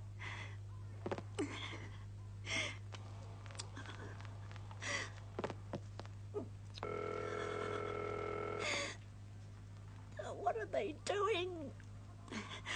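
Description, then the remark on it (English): An operator-placed telephone call from Toronto rings once over the line, a steady buzzing burst lasting about two seconds, surrounded by anxious breathy gasps and a constant low electrical hum. “We are ringing Ordway 3787 for you, caller.”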